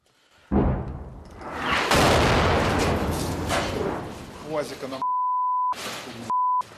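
Two loud, heavy cannon blasts from a tank, each followed by a long, rumbling roar that fades slowly. Afterwards come two short, steady, high-pitched beeps.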